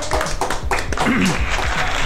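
Steady applause from a small group, a dense patter of claps running the full two seconds at an even loudness, with a brief voiced sound rising over it midway.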